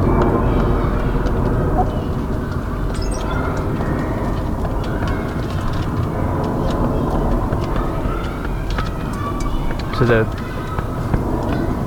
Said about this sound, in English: on the flight path to Heathrow International. So at certain times of day there's dense overflight of planes.